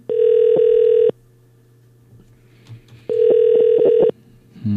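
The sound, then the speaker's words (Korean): A telephone ringback tone sounds twice as a call is placed to a listener who answered a quiz correctly, each steady harmonic burst lasting about a second with a pause of quiet line noise between, clear and fairly loud with no one speaking. “신호가 가고 있어요.”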